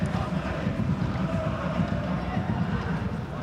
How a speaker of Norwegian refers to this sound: Vinner Ålesund iallfall et innkast der nede, og her er det sånn at publikum jubler til og med for det.